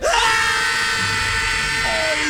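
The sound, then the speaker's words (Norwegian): A crowd of children and adults, asked to shout as loud as they can on the count of three, shouts together at full volume in one sustained, loud roar of many overlapping voices, lasting a couple of seconds without a break. “På tre så bare roper dere så høyt dere bare kan.”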